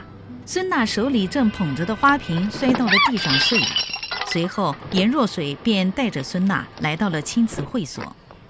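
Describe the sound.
A vase hits the ground and shatters in a bright burst of breaking ceramic partway through, while people talk loudly over it before and after.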